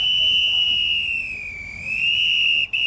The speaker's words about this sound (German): Am vorderen Ende schnauft die in schwarz und rot glänzende Dampflok, so als könne sie es kaum erwarten, endlich loszufahren.